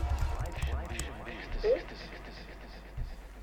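Loud, rapid typing on a keyboard into a microphone: a dense, irregular clatter of key clicks running steadily for a few seconds over a low, rumbling background.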